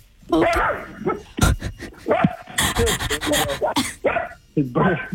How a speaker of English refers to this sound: you have Potato the mini weenie? Like miniature dachshund? He's quite a loud mini weenie.